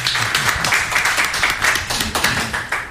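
A crowd at a DJ School training applauds steadily for three seconds for the head of a delegation from Guinea-Conakry, many hands clapping in a dense, crackling wash that stays fairly loud throughout, with faint low murmurs underneath.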